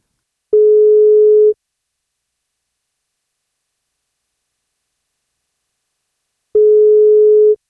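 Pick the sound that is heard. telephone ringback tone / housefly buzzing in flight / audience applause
telephone ringback tone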